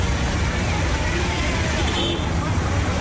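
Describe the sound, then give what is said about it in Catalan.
Dense, steady city street noise in Karnal, a chaotic city, with rumbling traffic, engines and a constant babble of voices in the background, loud and continuous with no pauses. “De tota manera, tot i ser petita, Karnal és una ciutat força caòtica, amb cables d'electricitat per tot arreu, brutícia, trànsit...”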